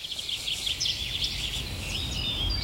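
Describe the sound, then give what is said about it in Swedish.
A dense chorus of birdsong from many different kinds of birds, with rapid trills and clear whistles overlapping continuously, set against a low rumbling background, with no voices. Heard during last year's live broadcast of Fågelsångsnatten, the annual birdsong night on P1. “En natt fylld av drillar, visslingar och sång från mängder av olika fåglar.”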